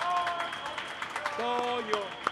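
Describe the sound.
An audience at the close of a program breaks into dense, steady applause, a continuous crackle of many hands clapping, with voices and a sustained tone rising over it partway through.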